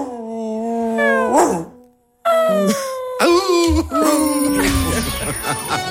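A dog left alone at home while its owner is away whimpers and wails, drawn-out high whines that waver up and down, breaking off briefly before resuming in loud, mournful cries.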